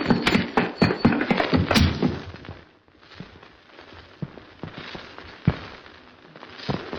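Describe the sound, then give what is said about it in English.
Horses' hooves clatter in a quick, uneven run of sharp knocks, loud at first, then thinning out into scattered, fainter clops against a quiet background. “The horses are waiting outside.”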